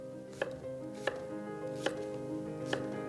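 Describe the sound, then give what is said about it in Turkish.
Four crisp knife chops on a cutting board as vegetables are chopped, spaced slowly and a little unevenly, over a soft, steady musical background with no talking. “Şimdi doğradığım sebzelerimi kabımın içine alıyorum.”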